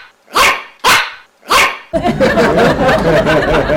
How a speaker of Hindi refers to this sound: पाजी, मैंने बाहर देखा, ओए होए, एक छोटा सा चिब्बा सा कुत्ता जो टीवी में ऐड करता है पाजी, वो भौंक रहा था, और भौंक ऐसे रहा था जैसे सोन जुकाम छींके मारता है।